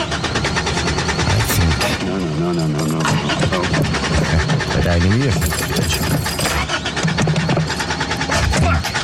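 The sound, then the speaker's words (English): A car engine cranks over and over without catching, the starter grinding in uneven bursts, heard loudly amid a busy musical backdrop with voices mixed in. “I think you flooded it.”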